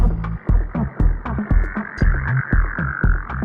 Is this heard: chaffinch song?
no